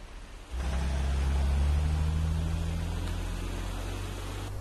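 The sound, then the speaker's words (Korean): A car roars past, nearly hitting someone crossing the street while looking at a phone: after a brief quiet moment, a loud low engine rumble with a broad rushing noise swells in suddenly, holds steady, then eases slightly toward the end. No one speaks. “너 지금 차에 치일 뻔했잖아.”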